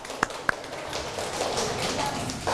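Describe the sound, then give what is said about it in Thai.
Two sharp claps open, then a steady, fairly soft wash of scattered clapping continues from many hands as students in a class applaud two classmates who presented, with no voices over it. “คุณครูก็ต้องขอขอบคุณตัวแทนนักเรียนทั้ง2ท่านนะคะขอเสียงปรบมือให้เพื่อนทั้ง2คนอีกครั้งหนึ่งค่ะ”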